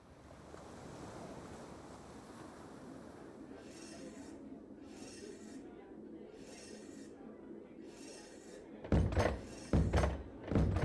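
Steady wind and surf hiss along until a sudden burst of loud, heavy pounding blows on a door, struck to summon the people out into the street, several hard thuds in quick succession near the end.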